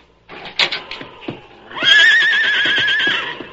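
A horse, Silver, whinnies loudly in a long, quavering neigh lasting over a second, preceded by a few scattered thumps and snorts, at night by a bunkhouse.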